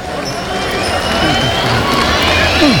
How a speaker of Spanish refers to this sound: Se enfrió el público, hay aplausos. Hay algunos pañuelos ligeros, ligera petición. Algunos silbidos también, tratando de solicitar la oreja, aunque no es mayoría.